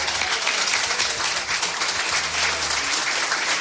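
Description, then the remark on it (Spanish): A sustained burst of applause from many hands, dense and steady for several seconds, with a faint murmur of voices underneath. “Sí, vamos al cielo, tengo que aplaudirlo.”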